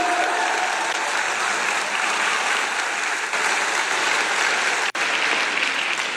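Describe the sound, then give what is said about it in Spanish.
A full hall of men, women, children and young people claps steadily and loudly for about six seconds at the first information session of AYUPADI, the Asociación Nacional para Ayudar a las Personas con Discapacidad: a dense, even wash of many hands with no voices standing out. “Vamos a dar un aplauso, por favor, para todos ustedes los que están aquí.”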